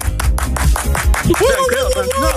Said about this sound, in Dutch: Mag ik even een groot applaus nu alvast